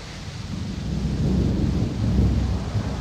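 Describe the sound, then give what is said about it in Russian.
A thunderstorm with a deep, sustained rumble of thunder rolling continuously, steady and fairly loud, with a hiss of rain and wind behind it and no voices. “Вот это действительно гроза!”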